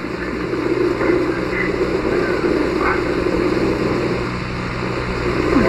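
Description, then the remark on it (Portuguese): Wind blows in a steady, broad roaring rush with a heavy low rumble, holding an even level throughout and swelling slightly at the very end. “Isso é o vento, né?”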